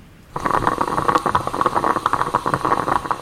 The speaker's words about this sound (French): C'est la machine à café. Le perco. C'est une cafetière italienne, ouais. J'avoue, moi, ça me procure beaucoup de plaisir.